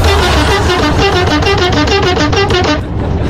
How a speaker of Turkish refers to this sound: Şu anda radarın önünden geçiyorum ve senin için korna basıyorum.